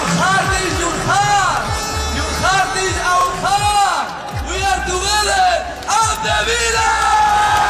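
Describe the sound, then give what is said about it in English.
Thousands of Aston Villa football fans in Birmingham cheer and chant loudly and continuously at an open-top bus parade as players lift the Europa League trophy, many voices overlapping with rising whoops and bellowed shouts filling the whole stretch. “Aston Villa's players have lifted the Europa League trophy again in front of thousands of fans in Birmingham”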